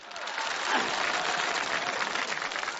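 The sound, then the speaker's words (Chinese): Steady applause from an audience, a dense wash of many hands clapping at an even level for about three seconds, with no voices standing out. “我今天呢，我叫我这小媳妇儿先跟大伙儿见见面儿，有点腼腆，没有掌声不回头。”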